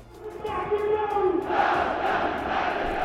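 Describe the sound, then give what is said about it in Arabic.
A huge Yemeni crowd of millions chants slogans in unison at a mass rally in Yemen, a dense roar of many voices rising in pitched, rhythmic shouts that swell louder halfway through and stay strong to the end. “إلا أن الحشود المليونية اليمنية واستجابة الشعب لخطاب السيد القائد عبد الملك بدر الدين الحوثي قلبت المعادلة، وأوصلت رسالة مباشرة إلى الولايات المتحدة قبل السعودية، ورسخت مرحلة جديدة سيكون لليمن فيها دور محوري.”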